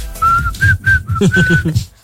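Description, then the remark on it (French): A man whistles a short pop melody, a run of steady sustained notes with brief gaps between them, clear and fairly loud, with faint low murmuring underneath. “Il a sifflé !”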